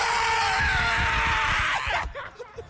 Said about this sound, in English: Scream, girl. Scream. Get it all out. So that you can focus.